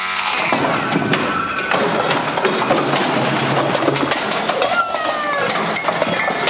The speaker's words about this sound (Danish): Ja, vi elsker en kort jingle på det her radioprogram. Det var meget forkert, det der åbenbart.